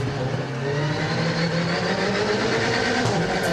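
A powerful 500-horsepower Alpine race car engine roars steadily on a track, its deep harmonic drone holding a sustained, slightly rising pitch with gritty mechanical texture throughout. No one speaks.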